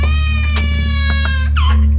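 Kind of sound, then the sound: human body sound, baby crying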